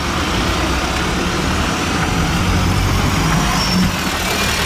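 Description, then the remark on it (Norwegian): A heavy bus engine rumbles steadily, a dense low drone with a brief hiss of air brakes, as the bus moves off along a town street after passengers get off. No one speaks. “Vi har akkurat gått av bussen og rusler gjennom gataen I denne byen som vi aldri har besøkt før.”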